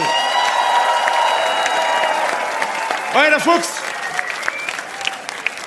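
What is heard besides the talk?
audience applause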